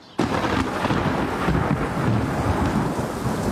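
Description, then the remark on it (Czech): After a split second of quiet, a loud crack of thunder breaks and rolls into a steady, heavy downpour of rain that roars on without pause, in a field near Chomutov. “Nevím, tak kdyby třeba pršelo.”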